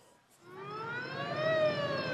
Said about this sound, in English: Racing towards the city, one ambulance after another, 24 casualties within 24 hours to this hospital alone.